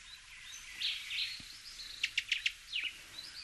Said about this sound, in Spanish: Así suena el barrancolí cubano, nombre científico Todus multicolor. Hace honor a su nombre en latín porque es preciosísimo, apenas alcanza los 11 centímetros, pero concentra una auténtica explosión de colores.